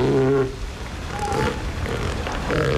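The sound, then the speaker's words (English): An angry adult female elephant seal gives a deep, harsh, aggressive call: a loud moaning burst, then rough guttural rasping and another throaty cry near the end. “It's much like deeper and, you know, has that kind of aggressive sound.”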